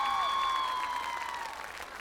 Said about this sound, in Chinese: 掌声给他们！